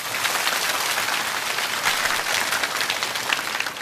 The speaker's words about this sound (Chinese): 非常好，掌声鼓励一下。